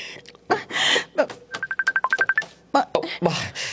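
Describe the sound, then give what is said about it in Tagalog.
A cellphone rings with a quick run of about ten evenly spaced electronic beeps, clear, framed by brief noisy bursts before and after. “Ang cellphone ko.”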